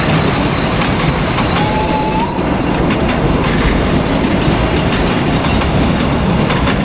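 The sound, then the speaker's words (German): An old train rumbles steadily over the rails, loud, with a continuous clattering roar and a brief metallic squeal partway through. No voices. “Na genau, so hört sich das an, wenn ein alter Zug über die Gleise tuckert.”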